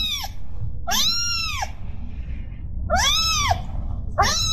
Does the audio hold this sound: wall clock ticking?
no